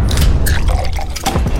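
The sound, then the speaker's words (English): Beer pours steadily into a glass, a loud gurgle of liquid with fizzy bubbling and a few drips, lasting under two seconds with no talking. “And our beer? You already know.”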